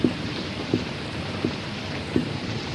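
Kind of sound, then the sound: nature, rain falling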